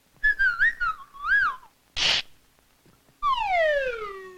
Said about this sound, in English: what's a bird doing in my house? Goodness gracious me.